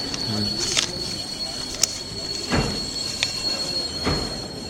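Busy train station ambience with the squeal and rumble of train wheels, punctuated by a few sharp metallic clanks and thumps, along with a steady high-pitched whine and faint background chatter.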